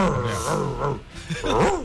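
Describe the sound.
A person imitates an angry monkey with loud, throaty grunts and wavering, rising-and-falling hoots in two short bursts, with no other sounds around.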